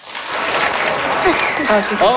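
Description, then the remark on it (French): An audience applauds to vote on who would like to hibernate from September to June, breaking into steady, dense applause that holds at full loudness throughout, with a few voices calling out and cheering over the clapping. “Alors, par applaudissement, qui aimerait ici pouvoir hiberner de septembre à juin?”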